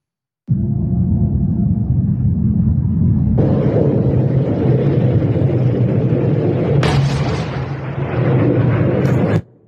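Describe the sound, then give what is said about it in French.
A heavy, continuous low rumble of several explosions from US strikes on a launch base in the Strait of Hormuz area, around 1:30, rolls on for several seconds, swelling abruptly twice into harsher, brighter roars before cutting off. No one speaks. “Écoutez, la zone est secouée par plusieurs explosions.”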